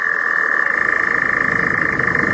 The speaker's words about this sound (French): la star de ce mardi est reconnaissable surtout par son chant très particulier. Si on l'entend, c'est plutôt une très bonne nouvelle. Son nom, attendez, je comprends, Engoulevent. Engoulevent, exactement. Et écoutez plutôt.